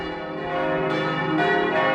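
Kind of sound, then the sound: signal or alarm, church bells ringing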